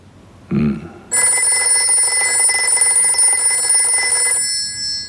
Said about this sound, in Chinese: 没事啊，接电话，看是不是恩来打来的。